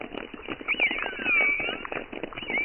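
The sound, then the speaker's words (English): A dense underwater chorus of minke whales, rapid knocking pulses overlapping continuously, while thin high orca whistles glide and waver above them in a few drawn-out sweeps. “Yes, minke whales sound like plucked strings. I've got some choruses which are interspersed with orca whistles.”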